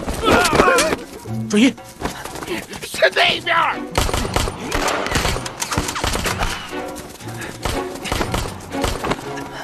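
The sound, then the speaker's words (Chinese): A volley of gunfire crackles in rapid, overlapping bursts, fairly loud and sustained, with voices shouting in the mix and heavier, denser shooting in the second half. “听枪声，他们人少，正好杀了祭旗。”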